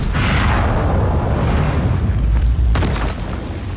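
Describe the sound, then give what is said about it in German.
A loud stage cannon shot, the effect that opens an opera, bursts into a sustained, rumbling explosion with debris-like crackling as it destroys an angel statue in a huge dust explosion. It is heard alone, and the deep roar lingers for several seconds. “Ein Kanonenschuss zerstört eine Engelsstatue in einer gewaltigen Staubexplosion.”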